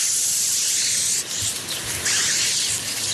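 A Canada goose hisses in a long, harsh, breathy rush of noise, sustained for several seconds with a brief dip and renewed bursts, no voices present.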